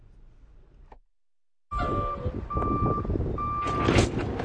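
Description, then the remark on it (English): A delivery truck reverses at a grocery store in Cody, Nebraska, where workers unload boxes of inventory. Loud, steady beeping tones repeat at an even pace over a rumbling engine after a brief quiet gap. “Once a week, workers roll boxes of inventory off a truck into the Circle C Market.”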